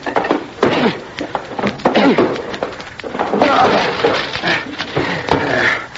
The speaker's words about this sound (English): The door to the room where he had all of this electrical equipment was locked, and we had to break it down.